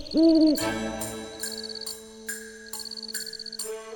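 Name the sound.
owl hooting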